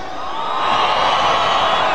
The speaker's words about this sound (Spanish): El grito y el chiflido de la gente cabrona.